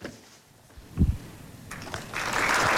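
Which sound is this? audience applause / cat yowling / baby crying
audience applause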